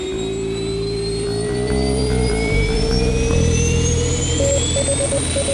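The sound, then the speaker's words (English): Rocket engines roar in a loud, continuous blast, a high whine gradually rising above the rumble, with a few short electronic beeps near the end. “All engine running.”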